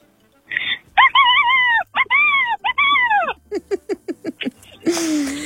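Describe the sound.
A voice imitates an excited hen that has laid a chocolate egg, starting with long rising-and-falling squawking calls, then a quick run of short staccato clucks, ending in a breathy, raspy cackle.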